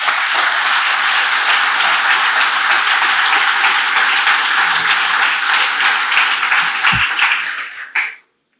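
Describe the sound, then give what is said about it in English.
An audience applauds for Jesus Christ in a loud, steady wash of many hands clapping, sustained for about eight seconds before cutting off abruptly. “Clap for Jesus Christ.”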